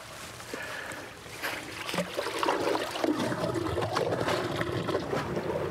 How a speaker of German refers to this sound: Zunächst wird das Wasser kontrolliert abgelassen. So, jetzt wird das eine Rohr gezogen, das große Rohr raus und das kleine Rohr kommt rein.